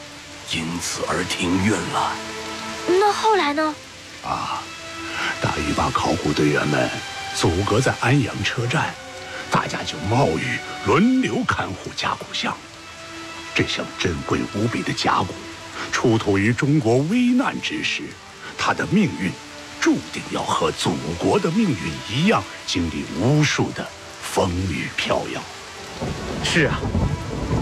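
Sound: heavy downpour with thunder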